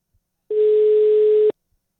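A single steady telephone ring tone of an incoming call from a caller in Lahti, Finland, sounds for about one second, a clear, even electronic pitch with a thin phone-line quality, starting and stopping abruptly with silence around it.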